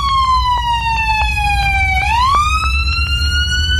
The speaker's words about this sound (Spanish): Sí, las sirenas de la ambulancia que chocó, ¿eh?